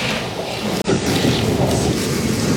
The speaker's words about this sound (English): Thank God for the rain.